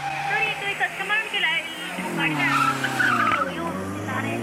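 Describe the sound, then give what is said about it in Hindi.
Car tires skid and squeal continuously for several seconds, a loud, wavering screech with engine noise underneath, as a car that has gone out of control slides. “Sir please मेरे को बता दो, मेरी गाड़ी आउट ऑफ कंट्रोल हो गई है, ये किस तरह रुकेगी?”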